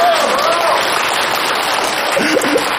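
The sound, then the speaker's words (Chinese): Steady, dense audience applause fills the whole stretch, a loud crackling wash of many hands clapping, with brief voices calling out faintly over it near the start and end. “现在您掌声给这个钱数，我觉得很好 啊，是吧？”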